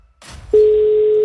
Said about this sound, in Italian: Primo squillo.